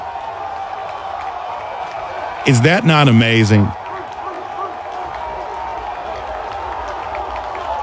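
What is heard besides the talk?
crowd cheering and applauding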